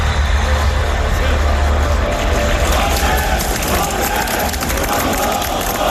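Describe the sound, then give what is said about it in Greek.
A crowd at a Greek election rally for Mitsotakis shouts and cheers in a dense, continuous roar of overlapping voices, staying loud and steady for the whole six seconds with no single speaker standing out. “Φωνάζουν τώρα εκεί πέρα 10 νοματέοι, πώς είναι.”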